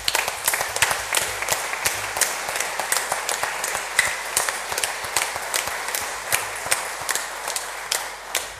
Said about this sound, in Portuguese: Portanto, para todos os carreiros, aqueles que ornamentaram esta igreja de forma tão bela, que deram de si para que esta novena fosse digna e bela, a nossa gratidão com uma salva de palmas.